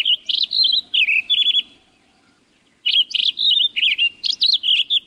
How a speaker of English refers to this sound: A mile up the trail, in a stand of ponderosa pines, a Townsend solitaire lets loose its rush of notes.